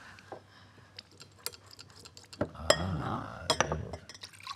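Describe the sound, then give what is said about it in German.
A rosemary syrup drink is poured into a glass, a short gurgling splash framed by several sharp glassy clinks and light ticks, with no one talking. “Mit Mineralwasser aufgegossen?”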